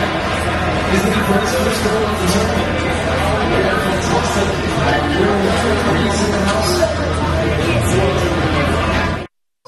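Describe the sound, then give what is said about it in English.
A packed crowd at Sports and Social in Green Hills Mall, watching France play Spain in the World Cup, fills the air with dense, overlapping chatter, a steady roar of many voices at an even, loud level with no single speaker standing out, until it cuts off abruptly. “As you can probably tell in the background, we are at Sports and Social in Green Hills Mall, where there is a packed house to watch France and Spain in the World Cup.”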